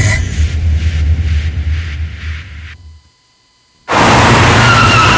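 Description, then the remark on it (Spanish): A car engine roars with pulsing tire squeals, then cuts to a brief silence before a loud, sudden crash hits with a dense, harsh impact, a car accident in a radio advertisement for El Águila car insurance. No one speaks. “Nadie planea un accidente, por eso asegúrate de estar protegido.”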